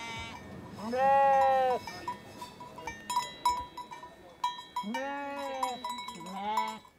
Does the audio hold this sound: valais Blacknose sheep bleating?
yes